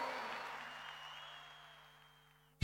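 Audience applause, a dense wash of clapping that steadily fades away over a couple of seconds, ending in near silence before an abrupt loud burst cuts in at the very end.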